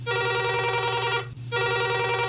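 A telephone rings in two loud, bright electronic bursts separated by a short pause, clear with no one talking: a farmer's incoming call to the studio of the Kisan Vani radio programme.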